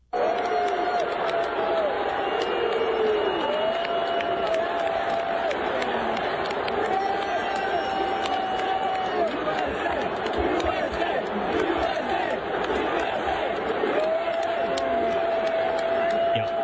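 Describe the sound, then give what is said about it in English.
A large crowd at Yankee Stadium on 9/11 roars continuously, booing and chanting "USA" at a person who ran onto the field with a Palestinian flag during the game, the sustained booing and rhythmic chanting rising repeatedly above the dense, loud wall of voices. “They booed him and chanted USA, apparently threw beers at him and everything, and he got tackled by security.”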